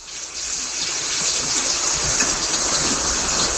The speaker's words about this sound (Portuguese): Ó a chuva.